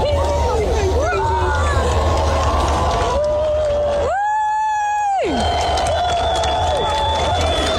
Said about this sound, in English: So this is a video when the sun just kind of first comes up beyond the horizon. They're loving it. I got here. So that's people enjoying it. This is them clapping when the sun comes up.